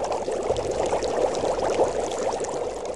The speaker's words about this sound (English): He always kept his big pot on the fire, bubbling with oil.